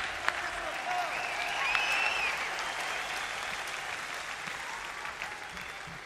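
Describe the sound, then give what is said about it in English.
A crowd at a rock and roll show applauds steadily, a dense wash of clapping that holds fairly even in loudness for several seconds, with faint whistles and calls rising above it. “Let's hear more applause, please.”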